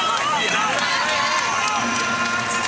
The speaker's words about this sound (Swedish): Jag måste ju berätta vad som händer i hallen. Alla kanske undrar varför det jublar på det här sättet. Och vi hör ju Lejonkungen-musiken.